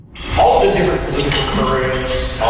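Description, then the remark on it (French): Cutlery clinks and taps against plates amid the steady murmur of a crowded Tuesday lunch at a club in Edmonton, Alberta, with overlapping voices talking throughout. “Entre les claquements de couverts, mardi midi au Royal Glenorah Club à Edmonton, les deux anciens premiers ministres rappellent aux Albertains de voter pour le maintien de la province au sein du Canada.”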